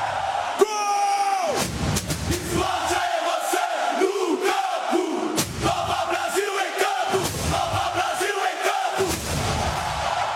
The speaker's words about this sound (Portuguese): Com o gol aberto, empurra ela pro fundo do gol. Kadir coloca o Botafogo na frente. Kadir faz a festa na torcida do Fogo.